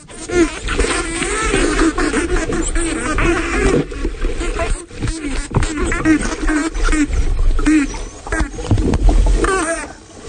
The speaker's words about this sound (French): Alors là, qu'est-ce que l'on entend? Alors là, on est immergé aux Bahamas avec des dauphins tachetés et on a deux sous-groupes d'adultes et de juvéniles qui sont en train un peu de jouer aux gendarmes et aux voleurs et ils vont se faire face.